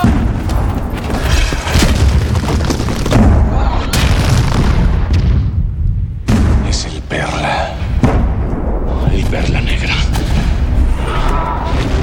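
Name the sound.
cannon fire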